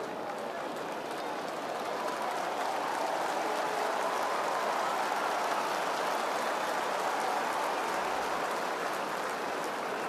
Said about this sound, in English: Big round of applause for the 20-year-old. Game 22 today for him as he makes his way off the ground.